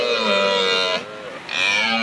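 A red deer stag bellows in the distance after dark, heard from a bench outside, a loud, rough, harmonic roar drawn out in two long pulls with a brief quieter dip between them, and no voices.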